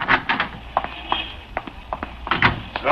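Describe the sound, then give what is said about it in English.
A door is opened and shut, with a run of sharp knocks, rattles and latch clicks scattered unevenly through the moment and no voices. “Come on, Killer, let's get out of this door.”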